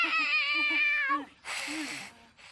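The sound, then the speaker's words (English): A cat lets out one long, loud, wavering meow, a drawn-out complaining yowl in protest at being hugged, followed by a burst of breathy rustling noise and a faint low vocal sound. “Turns out Kitty does not want the hug.”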